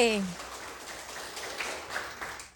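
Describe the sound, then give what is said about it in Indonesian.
An audience at a quiz competition breaks into applause for team B, a steady wash of many hands clapping at once, following the tail end of a speaking voice. “Baik, beri tepuk semangat untuk regu B.”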